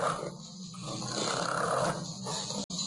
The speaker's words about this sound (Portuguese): Não, mas isso aqui não sou eu, não. Parecendo que é um ronco de um porco, né?